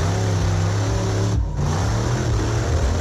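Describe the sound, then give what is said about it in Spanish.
A modified vehicle's engine revs loudly and steadily as it performs stunts at a modified-vehicle show in Popayán, Cauca, its low rumbling tones shifting in pitch, with a brief dip in the roar around the middle before the revving resumes at full strength. “El vehículo está haciendo la pirueta, en ese momento se escucha el motor siempre acelerado y comienza la tragedia.”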